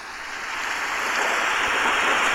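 A rain and thunder sound effect at the start of a song, played through a microphone: a dense, steady hiss of falling water that swells slightly louder over a couple of seconds, with no clear thunder rumble and no voices.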